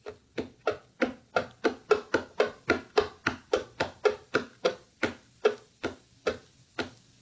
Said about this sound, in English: All right, we've got tapping on a hollow box. Pretty much. Ha! Pretty much just said that. Well, whoever texted that in. It's just my fingers, with like a bit of nail on the wooden desk that I have here. That's all it is.